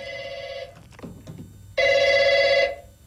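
A telephone rings in two loud, buzzy bursts separated by a short pause, with nobody picking up; only faint background rumble fills the gap between rings.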